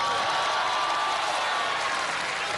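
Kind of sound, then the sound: crowd, audience applause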